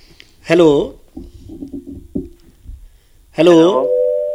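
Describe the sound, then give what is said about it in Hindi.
A phone call connecting: a low, steady ringing tone pulses several times, framed by two louder, brighter electronic chime-like bursts at the start and end. No one speaks. “एक phone call जी।”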